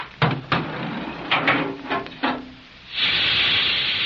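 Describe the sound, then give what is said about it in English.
A series of mechanical clunks and thumps, then a steady, loud rush of hissing air like hydraulic or compressed-air release as an elevator descends, holding evenly to the end. “Yeah, and I didn't hear any magnets. That's more like a hydraulic to me, or... compressed air.”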